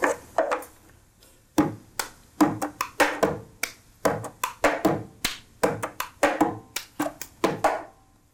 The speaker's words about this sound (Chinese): 很简单，就是杯子。好，应该家里大家都有这种塑胶杯，对不对？好，所以塑胶杯也可以敲奏出节奏。我先小小的示范一段哈，换一下。